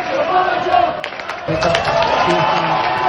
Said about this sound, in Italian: Parole e ricordi che hanno scandito l'appuntamento con la storia, quella di Divin Codino, accolto da una folla che ha intonato cori da stadio durante l'intera presentazione.